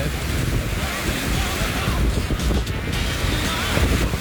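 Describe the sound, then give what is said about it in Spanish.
Strong wind roars steadily for the whole stretch in the Ballena sector during a storm with heavy rain, trees swaying. A loud, dense rumble with low buffeting gusts battering the microphone and a constant airy hiss above, with no voices. “Oye, está pero pegando fuerte. Mucho viento.”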